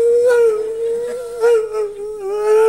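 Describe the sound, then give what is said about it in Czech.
A person imitates a dog howling, holding one long, wavering, loud tone for a few seconds, its pitch dipping and rising slightly, with no other talk. “… byl v minulém životě pes, jak si myslí.”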